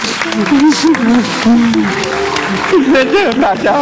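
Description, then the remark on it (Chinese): Sustained audience applause given to a family reunited after 26 years fills the whole stretch, a dense steady patter of many hands, while a voice carries on over the top of it. “好，我们掌声送给你们，回家。”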